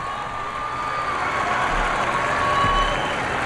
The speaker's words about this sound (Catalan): escoltem el públic també fent vítores al papa.